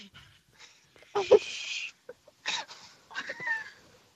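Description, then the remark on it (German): A voice, live on radio from a parking lot in Illertissen, imitates an umbrella in wind and rain with breathy hissing and whooshing bursts: three main gusts, the first longest and loudest, with faint voiced tones mixed into the noise. “Der Wind hört nicht auf.”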